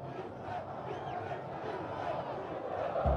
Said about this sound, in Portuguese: Esse é o grito, Inter, Inter, Inter, gritam os 2.000 colorados que estão aqui na Arena Corinthians, aplaudidos de pé pelos jogadores do Inter